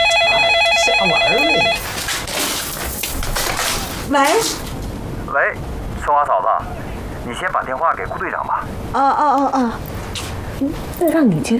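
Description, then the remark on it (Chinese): A telephone rings with a fast electronic trill for under two seconds, then stops as people begin talking in a lively exchange. “让你接电话。”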